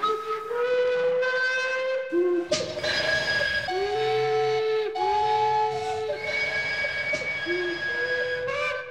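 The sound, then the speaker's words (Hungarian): The Zsuzsi narrow-gauge steam train sounds its whistle in long, loud blasts that shift between several pitches across the whole stretch, with a low mechanical rumble underneath and no talking. “A társadalmi összefogás és fellépés megmentette tehát a Zsuzsi vonatot.”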